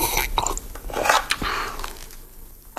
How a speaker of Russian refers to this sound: А в это время Ваня Солнцев сидел в блиндаже у разведчиков и ел из котелка большой деревянной ложкой необыкновенно горячую и необыкновенно вкусную крошонку из картошки, лука, свиной тушенки, перца и лаврового листа.